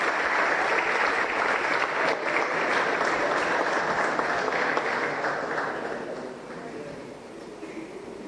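A crowd applauds at a ceremony recognizing Team Paraguay's medal-winning athletes, here an esports competitor. The clapping is dense and even, holds strong for several seconds, then thins slightly and fades a little toward the end.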